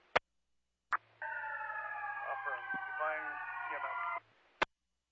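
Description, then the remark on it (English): An approaching fire truck's siren wails for about three seconds in a steady, harmonically rich tone over a low hum, set off by sharp radio-style clicks before and after. “I can hear you over the fire truck coming.”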